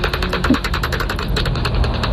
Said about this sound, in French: Donc la petite pipistrelle qui chasse. Parce que c'est une pipistrelle de cul parce qu'elle est autour de 38 kHz.